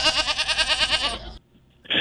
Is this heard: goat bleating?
yes